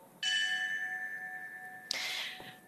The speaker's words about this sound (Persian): همینطور که میشنوید، هر اسمی که خوانده میشه به یاد او ناقوسی زنگی نواخته میشه و به صورت پیوسته این اسامی بلند بازگو میشه. همه در سکوت میشنوند و یاد قربانیان بیگناه رو در اون حملات مهیب زنده نگه میدارند.